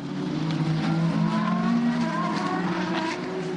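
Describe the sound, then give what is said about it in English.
Racing cars roar past at full speed as the race goes green after a safety car period, led by Will Stevens ahead of Ryo Horikawa, Alexander Pedridi and Antoni Felix de Costa, a loud, continuous blend of high-revving engine whine whose pitch rises and falls as the cars sweep by, with no talking. “Slightly delayed message, we're going green right now, and there they go past me to my right shoulder.”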